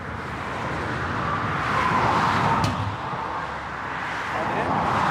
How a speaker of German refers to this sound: Auf der A20 stehen heute Flickarbeiten an. Zwischen Gützkow und Greifswald repariert ein 6-köpfiges Team einen Fahrbahnschaden. Eine 60 Quadratmeter Baustelle und nur einen Tag Zeit. Alles bei laufendem Verkehr.